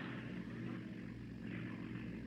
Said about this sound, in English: Yeah, what is it? It's a car. That's what it is. A car all the way up here.